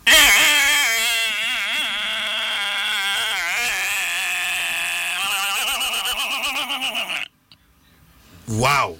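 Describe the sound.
A person imitates a mosquito's buzz with a loud, nasal hum that wavers in pitch for about seven seconds, then stops. A short rising vocal sound follows after a brief pause.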